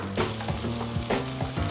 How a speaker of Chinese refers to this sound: 煎香花椒，花椒煎出香味儿，也就是10秒钟左右的时间，干辣椒入锅。那一定要把干辣椒和花椒煎成这种红褐色，辣椒的香味儿完美的释放。